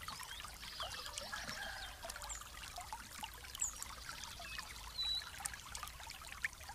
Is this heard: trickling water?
yes